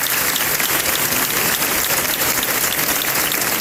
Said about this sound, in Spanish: Así se aplaudía el final de estos traslados en la mañana de ayer.